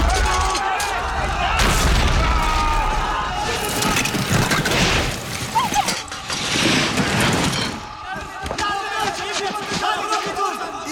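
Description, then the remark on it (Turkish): Loud, sustained cracking and splitting of ice, with deep booming crunches and sharp snaps as it breaks apart, while voices shout over the din, warning others to run. “Ses ne? Buz kırılıyor! Koşun!”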